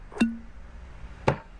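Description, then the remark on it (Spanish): A bottle of Ron Viejo de Caldas Gran Reserva rum being uncorked: a short hollow pop with a brief tonal ring, then a second sharper knock about a second later, in an otherwise quiet setting. “Un buen ron primero se destapa,”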